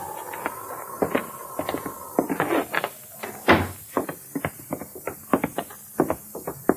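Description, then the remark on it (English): A door creaks open with a drawn-out hinge squeal, then bangs shut with a solid thud, followed by a run of sharp knocks and clicks like footsteps and handling. “You're going to walk in this door and out the front door.”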